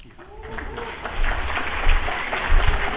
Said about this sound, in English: You may want to hold that applause until it's done.